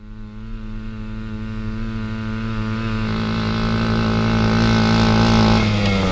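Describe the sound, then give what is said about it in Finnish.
A small moped engine, the moped used on the show's road trips, runs steadily, its buzzing drone rising in pitch and loudness partway through as it revs harder. It has run all year without spark plug trouble and is due for its annual service. No voices are heard. “Juha Sastamalasta ihmettelee, kun ei meidän reissun mopo ole edes piikkiä tehnyt tulppaan koko vuoden aikana.”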